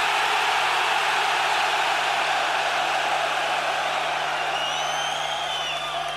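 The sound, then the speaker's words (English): A massive stadium crowd of about 32,000 heavy metal fans in Stockholm screams and roars in one loud, unbroken wall of noise, with a few shrill whistles rising near the end. “Give them the fucking scream so they fucking can!”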